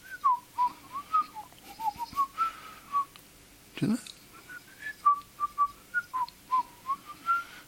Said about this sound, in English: This is for everyone, okay? And I remember this guy so well. I really do. Do you? Of course you do. And you can all whistle along with this one.